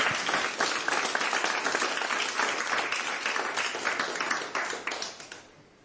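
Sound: studio audience applause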